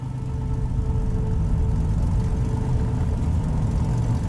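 A steady, low engine rumble drones continuously from inside a moving truck driving in darkness on unlit back roads, with a faint whirring hum and no voices.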